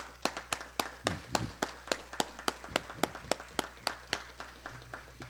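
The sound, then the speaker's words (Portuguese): A round of applause in honour of someone's mother: crisp, evenly spaced claps in a steady rhythm, about three per second, moderately loud with no voices, as if a small group were clapping together. “Uma salva de palmas para tua mãe, cara.”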